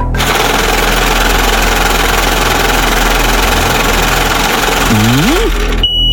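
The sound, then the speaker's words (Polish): A lottery drawing machine is started to draw three letters of a Polish car registration plate, running with a loud, steady mechanical whir and rattle, briefly rising and falling in pitch near the end before cutting off abruptly. No voices. “No, kierowniczko, odpalaj maszynę losującą.”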